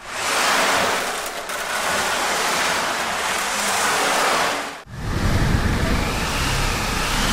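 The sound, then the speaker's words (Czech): A theatre stage sound-effect machine simulating the sea, shown at an exhibition: a loud, steady hiss of rushing surf that swells gently, then shifts abruptly to a deeper, rumbling wash. No one speaks. “A ke scéně, jako je třeba moře, patří i zvukové efekty.”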